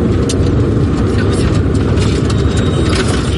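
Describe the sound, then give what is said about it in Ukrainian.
A car sets off and drives along during an evacuation under a clear sky, with a steady, loud low rumble of engine and road noise that stays constant throughout, as if heard from inside the vehicle. “Нам повідомляють, що небо чисте і машина рушає.”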